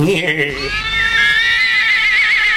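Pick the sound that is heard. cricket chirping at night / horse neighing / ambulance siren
horse neighing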